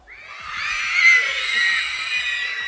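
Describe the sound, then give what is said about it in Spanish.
A crowd of schoolchildren at the Ricardo Flores Magón primary school shouting and cheering together, a dense wash of high, overlapping voices that swells to a peak and stays loud and lively throughout. “Oigan, escuchen qué buen ambiente. ¡Otra vez un grito!”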